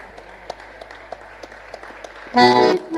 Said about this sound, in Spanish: Muy bien, y aquí vamos a tener una grata sorpresa, porque se ha sumado a este escenario el mejor bandoneón del chamamé de Santiago del Estero, para quien voy a pedir un fuerte aplauso,